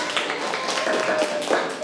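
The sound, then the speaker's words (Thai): A group of students applauds the student representatives, a dense, steady patter of many hands clapping at once that stays fairly loud throughout the short burst, with a faint tonal voice-like note underneath. “นักเรียนปรบมือให้กับตัวแทนนักเรียนค่ะปรบมือเสียงดังๆเลยค่ะลูก”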